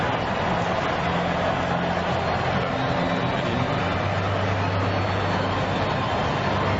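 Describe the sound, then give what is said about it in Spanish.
A stadium crowd at a Spain football match cheers and applauds as Lamine Yamal comes on to the pitch, in a dense, continuous roar that holds steady at full loudness from start to finish, with no clear pauses or single voices standing out. “Y ese aplauso, esa explosión de alegría en el estadio por la entrada de Lamine Yamal al partido”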